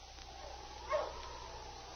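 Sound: sled dogs barking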